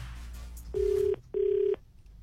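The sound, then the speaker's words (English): An outgoing phone call's ringing tone while calling a phone shop: two steady, mid-pitched electronic beeps in quick succession, a short pause between them, clear over a faint background hum. “So, that's who I'm calling. And whoever picks up the phone gets it, all right?”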